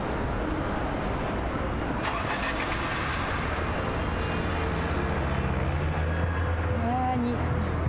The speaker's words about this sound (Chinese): 鸣笛，要在这鸣笛是要罚款的。